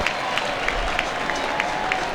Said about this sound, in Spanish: Bueno, va a acomodar Messi. Vino de este lado, no ahora Belgrano. Por eso la ovación tan cerquita se escuchó.